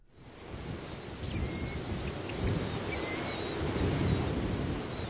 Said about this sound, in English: It's a hot, muggy morning in a marshy area on the north side of town where a chorus of birds and bugs greets some human visitors.